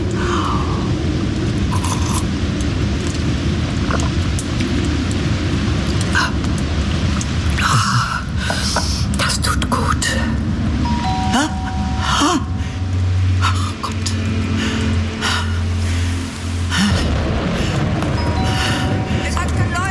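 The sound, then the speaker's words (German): A thunderstorm building: a deep, continuous rumble under a loud, steady hiss of rain, broken by several sharp bursts of crackling thunder, with a few breathy gasps from a voice. “Jetzt zieht auch noch ein Gewitter auf.”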